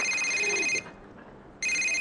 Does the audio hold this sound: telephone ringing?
yes